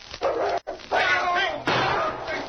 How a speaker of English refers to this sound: The great dog King had been poised and waiting. As soon as the door moved, he charged, throwing the door wide and knocking Deke off balance. Deke's gun was thrown up as the powerful dog leaped at the hand that held it.